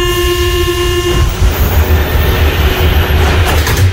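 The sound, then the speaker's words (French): A Paris Métro train rumbles loudly along the rails, opening with a short sustained horn-like tone that cuts off after a second, followed by a steady mechanical roar and rattling. “1900, inauguration du métro parisien.”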